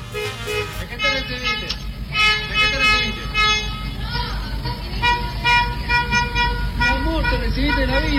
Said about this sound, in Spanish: ¿Te ha tocado ver estos automóviles que van tocando el claxon? ¿De esto? ¿Las calles, así, de que alguien terminó la quimio?